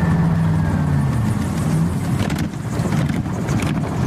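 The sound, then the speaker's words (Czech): A flying car's engine drones loudly and steadily in flight at 160 over Prague's Letňany, with a full 70-litre tank, a continuous low hum with rushing wind noise and a slight shift in pitch partway through; no one speaks. “Přeměna z vozidla na letoun trvá asi 3 minuty. A jsme ve vzduchu, letíme 160 a na plnou 70-litrovou nádrž můžeme letět až 6 hodin.”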